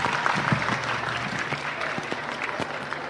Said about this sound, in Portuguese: Por favor, forte salva de palmas para todos nós. Palmas, palmas.